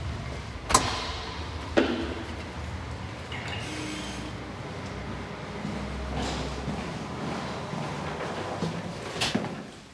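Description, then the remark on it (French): A building door is pushed open to reach the first floor, with a couple of sharp clicks and knocks, followed by a brief scraping rattle and another clack near the end, over a steady background hiss. “Poussez la porte, c'est au premier étage.”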